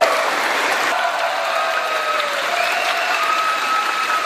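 A large theater crowd of over a thousand at a Black Myth: Wukong game music concert in Taipei applauds in a dense, steady roar of clapping as the game music plays, with scattered cheers rising faintly above it, sustained and even throughout without any speech.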